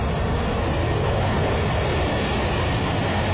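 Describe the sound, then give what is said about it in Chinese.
A steady, dense roar of jet aircraft engines as Soviet-supplied jet planes dive down from high altitude in neat formation, holding at a constant loud level throughout, rumbling heavily in the low end, with no voices. “总司令，您看，我们的飞机从高空穿越而下，抬得那么整齐无误， 我们的飞行员不得了哦。”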